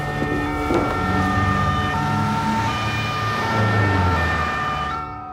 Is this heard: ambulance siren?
yes